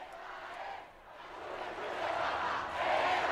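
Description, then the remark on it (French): A large crowd roars and chants the slogan "Esta es la Juventud del Papa" together, greeting Pope Leo XIV along the popemobile route: a dense wash of many voices that dips briefly, then swells steadily louder and stays sustained. “Et qui est salué, comme ce fut le cas tout au long du parcours de la Papa Mobile, par ce slogan « Esta es la Juventud del Papa ».”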